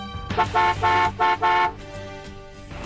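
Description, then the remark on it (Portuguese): A car horn honks loudly: a quick tap followed by three longer blasts in a steady rhythm, then it stops and only low traffic rumble remains. “Aquele bom dia todo especial para os meus amigos guerreiros de todas as manhãs, de todos os dias, no corre, desde cedo, motoristas de aplicativo, buzina para mim.”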